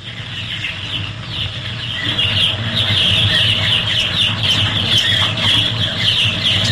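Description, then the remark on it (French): A dense crowd of chicks peeping nonstop in a henhouse, their shrill high chirps overlapping into a busy chorus over a low steady hum, growing a little louder after the first couple of seconds. “Bah, c'est des poussins, ça.”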